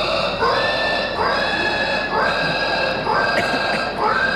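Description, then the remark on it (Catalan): At the French pig-squealing championship, held at the annual Porcailhade festival in Trie-sur-Baïse, a contestant dressed as a pig with a nose and ears loudly imitates a pig. They let out a rapid series of shrill, rising squeals that run together almost without pause, sounding intense. “Ja és aquí el campionat francès de crits de porc.”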